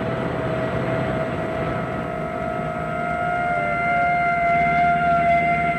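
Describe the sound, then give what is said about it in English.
A police car siren wails in a long, steady tone over a low engine rumble, growing slightly louder toward the end as it draws nearer. No one speaks. “God, that darn siren is coming closer.”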